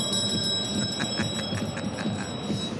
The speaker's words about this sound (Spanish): Tiempo, señor, la campana era para el tiempo.